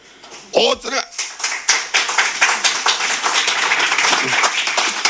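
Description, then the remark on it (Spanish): An audience bursts into applause, a dense, sustained patter of many hands clapping at an even loudness, with a brief voice sounding at the start before the clapping takes over. “Agradezco el aplauso, pero prefiero seguir porque voy agobiado.”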